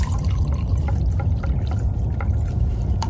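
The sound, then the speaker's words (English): Coffee pours steadily into a cup, a continuous liquid stream with small splashy bubbling flickers throughout, no voices present. “Well, pour it.”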